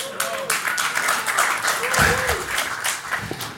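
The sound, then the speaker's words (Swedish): A crowd applauding steadily for a few seconds, a dense wash of clapping with scattered cheers and voices mixed in, holding a fairly even loudness throughout. “Vi kollar liksom hur mossiga namn vi kommer kunna få applåder på.”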